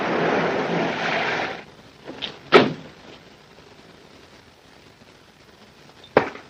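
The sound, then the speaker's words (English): A seat cushion is pulled up with a soft rustling shuffle and a scarf is unfolded to drop a gun, followed by a sharp thump as the cushion is pushed back down and another thud a few seconds later. “She pulls up a seat cushion, unfolds a scarf to drop a gun, pushes down the seat cushion.”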